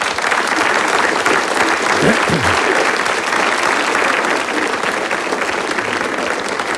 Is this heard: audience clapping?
yes